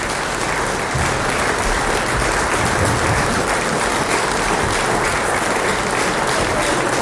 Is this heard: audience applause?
yes